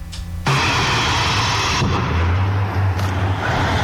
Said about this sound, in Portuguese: Inclusive, moradores da região registraram diversas explosões com tambores lançados ao ar, além de fumaça saindo pelos bueiros das ruas vizinhas.